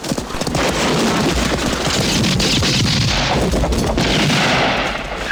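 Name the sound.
horses' hooves clip-clopping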